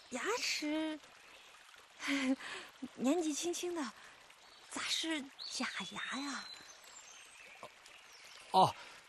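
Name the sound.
small stream trickling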